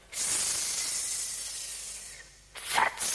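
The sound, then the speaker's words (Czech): A long, steady breathy hiss of a grass snake named Bětka, followed after a brief pause by a second, shorter and slightly louder hiss. No one speaks. “Zeptáme se užovky Bětky.”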